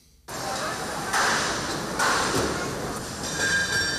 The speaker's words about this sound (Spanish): Eso que escuchan es el montaje de las carpas de las chosnas. Bilbao ha comenzado ya a transformarse en las primeras labores de montaje de esas carpas y chosnas que van a ocupar el recinto festivo durante la Semana Grande bilbaína.